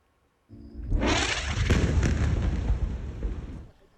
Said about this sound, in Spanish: Este fue el ataque israelí de anoche contra Jan Yunis.